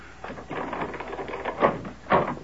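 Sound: front door being opened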